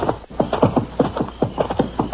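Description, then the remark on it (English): A horse's hooves clip-clop in a steady, brisk rhythm, a dozen or so hollow knocks in quick succession. No one speaks over them. “Get him off that horse.”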